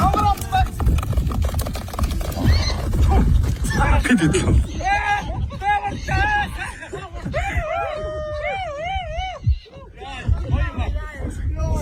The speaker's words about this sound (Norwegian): skal du få høre lyden jeg fant på YouTube her om en vill hest som fanges for å ri på i Mongolia